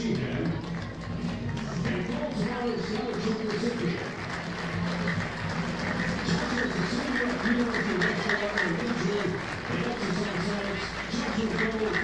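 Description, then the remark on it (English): A ballpark crowd at a Biscuits versus Blue Wahoos baseball game applauds a group being honored on the field, a dense wash of clapping and murmuring voices that holds at an even, moderate loudness for about twelve seconds without a clear break. “Honoring a group down on the field, giving them their applause.”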